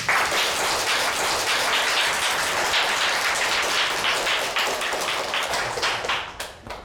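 A room full of people clapping in sustained, dense applause, a steady crackle of many hands that stays loud throughout and thins out slightly at the very end.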